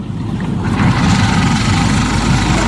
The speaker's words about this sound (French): Ça tourne, le moteur? T'entends pas le bruit? Ça tourne, oui.